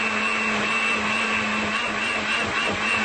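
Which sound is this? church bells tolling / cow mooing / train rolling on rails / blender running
blender running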